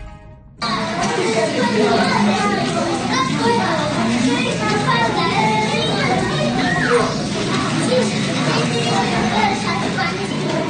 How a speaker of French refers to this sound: Et oui, ambiance de nos chères têtes blondes, de nos chers bambins, puisque pour certains élèves, donc c'est le retour en classe cette semaine.